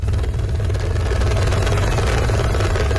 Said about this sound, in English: The rescue chopper hovers above the valleys of Nepal's northern Rusua district. There is no safe place to land after floodwaters washed away entire villages.